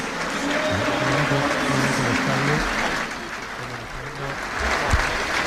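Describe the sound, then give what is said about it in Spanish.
A large stadium crowd at Wembley stands and applauds steadily and continuously in memory of Kevin Keegan, a dense wash of clapping filling the space, with a voice speaking faintly underneath. “Todo Wembley de pie, aplaudiendo en memoria de Kevin Keegan a los 75 años.”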